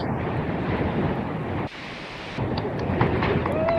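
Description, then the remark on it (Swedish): Strong wind roars and buffets a phone microphone lying in a rock crevice on windy Hönö in the archipelago, a loud, continuous rumble, easing briefly in the middle before gusting back at full force. No voices are heard. “Blåsigt Hönö i skärgården. Ja, tror jag telefonen landade i en klippskreva. Kanske det, där ligger vi så gott så. Lite lugnare där.”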